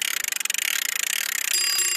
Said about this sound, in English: All right. Will the bell ding when you've got a live fish on the end? Yeah. Got it on the line.